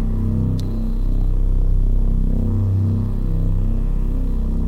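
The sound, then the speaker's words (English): A loud, gritty synth bass, fine-tuned to play directly on the note and with distortion added, drones steadily with a thick, buzzing distorted edge, its low notes shifting slightly partway through. No voices. “Now, we're going to add some distortion to it.”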